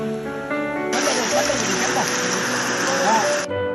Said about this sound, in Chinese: 暴雨如注，河水猛涨